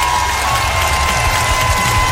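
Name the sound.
audience applauding and cheering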